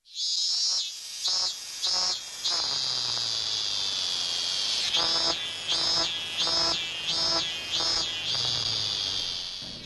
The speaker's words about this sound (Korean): 어느샌가 들려오는 매미 소리 여름이 깊어가는 소리입니다. 더운 여름 시원하라고 맴맴 곡식들이 더 알차게 여물라고 맴맴 귀 기울여보면 행복하라고 맴맴